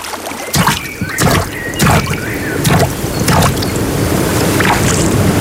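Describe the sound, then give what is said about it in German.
Water sloshes and splashes at a lakeside in Bavaria in a series of irregular strokes, like paddling, over a steady background wash. Nobody speaks. “Hier am Wasser klingt Bayern anders. Hör hin.”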